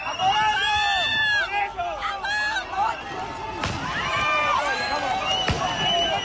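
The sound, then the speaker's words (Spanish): A loud, agitated crowd of dozens of Ceuta residents shouts and yells over one another in continuous chaotic uproar while attacking migrants at Trampolín beach in Ceuta, throwing stones and sticks, with a couple of sharp bangs or impacts cutting through the din. “Ni los disparos al aire por parte de los antidisturbios consiguieron en primera instancia disuadir a varias personas que, al grito de a por ellos, lanzaban piedras y palos a los migrantes para más tarde quemar sus cabañas y pertenencias.”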